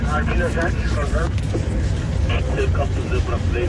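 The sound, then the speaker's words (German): A safari car's engine rumbles steadily, a constant low drone throughout, with indistinct voices talking over it. “Anders als zum Beispiel der Motorenlärm des Autos oder das Krächzen der Funkgeräte.”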